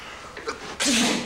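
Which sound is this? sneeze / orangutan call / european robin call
sneeze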